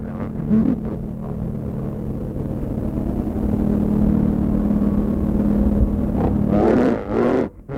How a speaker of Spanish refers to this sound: Es un helicóptero, Groar. Vaya. Y así era. El profesor Hubertus y Proteo llegaban al Polo Sur en un helicóptero militar.